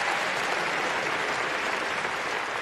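Sustained applause from a crowd, a dense, steady wash of clapping that stays loud and even throughout, with no pauses and no voices standing out.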